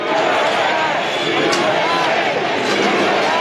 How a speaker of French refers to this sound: Feu d'artifice au-dessus des visages des quatre présidents historiques et acclamations nourries du public.